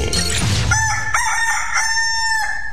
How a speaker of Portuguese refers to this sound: se o galo cantou, o Bom Dia 98 já começou.